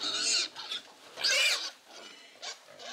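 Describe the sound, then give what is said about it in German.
Pigs on a farm squeal while being vaccinated by injection behind the ear, squeezed together, in shrill, piercing bursts: a loud squeal at the start, another strong one midway, then shorter, weaker cries toward the end, with no talking. “Sie schreien auch in erster Linie, weil sie jetzt hier zusammengequetscht sind, weil das denen so wehtut.”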